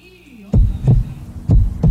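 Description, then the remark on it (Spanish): A loud heartbeat thumps twice in a deep lub-dub rhythm, each double pulse booming low and muffled, preceded by a brief faint tonal hum. “Hay que cuidar el corazón, cada latido cuenta.”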